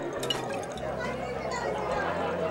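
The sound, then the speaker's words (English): A drink fizzes steadily as a dissolving pill releases a dense, crackling hiss of bubbles, continuous for a couple of seconds, with faint voices murmuring in the background. “Well, what do we have fizzing here?”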